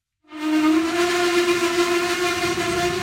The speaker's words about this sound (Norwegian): Vi har gått inn på et tog som ristet av gårde fra Litauens hovedstad Vilnius mot den historiske byen Trakai.